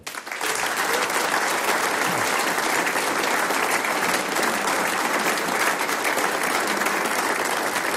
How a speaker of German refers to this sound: Natürlich gibt's auch für alle Mitwirkenden noch einen Applaus.